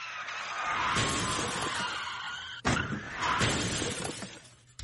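A car chased by police skids and crashes, wrecking the car and six police cruisers, with loud shattering and crunching metal, a sharp impact midway followed by more breaking debris, all intense with no talking.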